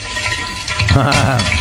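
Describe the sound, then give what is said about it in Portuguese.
Eggs sizzle and crackle in a hot pan, a steady dense hiss with scattered pops, fairly loud, with a low murmuring voice joining in under it partway through. “Ah, esse é barulho de ovo fritando.”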